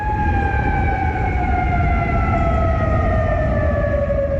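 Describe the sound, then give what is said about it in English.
Air raid sirens blare steadily across the Persian Gulf, in Kuwait City, Qatar and Bahrain, warning residents to take shelter from Iranian missile fire: a loud sustained wail with a slowly falling pitch over a rumbling background, with no voices present. “Air raid sirens are blaring across the Persian Gulf this morning”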